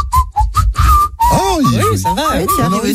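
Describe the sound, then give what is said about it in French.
A person whistles a quick run of short, chirpy high notes, then keeps whistling while a voice rises and falls over it in a sing-song way. “Attends, alors, moi, je suis pas le meilleur siffleur du monde, mais bon.”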